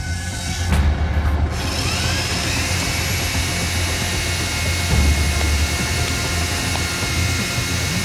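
A power sander runs loud without pause, a steady grinding whir with a thin high-pitched whine rising over it partway through. No one speaks.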